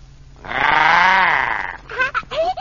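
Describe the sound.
A voice imitates a pig with one long, loud, nasal squeal that wavers in pitch for over a second, followed by a few short, fainter vocal squeaks.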